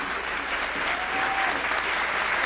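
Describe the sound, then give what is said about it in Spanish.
An audience claps loudly and steadily, a dense wash of many hands sustained without pause, with a faint voice briefly audible beneath the applause. “Dale un aplauso bien fuerte, Señor.”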